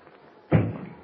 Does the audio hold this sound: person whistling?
no